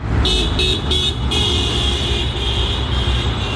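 Busy street traffic rumbles steadily at a market square bus stop where commuters wait for the bus on a Friday morning after daybreak, with a few quick high beeps that merge into a sustained tone, like a vehicle signal. No one speaks.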